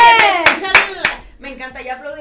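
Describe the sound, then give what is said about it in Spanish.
During a 96.5 Éxtasis Digital radio broadcast, a few sharp hand claps ring out among loud, excited voices, then the clapping fades and people keep talking more quietly. “Me encanta, ya aplaudimos como si quieres.”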